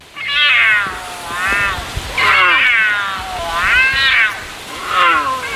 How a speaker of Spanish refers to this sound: Nos valía el puma o el cachorro de puma, pero era un puma.